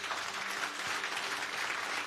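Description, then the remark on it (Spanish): Steady applause from an audience at a religious service, clapping for Jesus while kneeling to bid him farewell, a dense wash of many hands clapping at once, sustained and fairly even in loudness throughout. “Un aplauso a Jesús,”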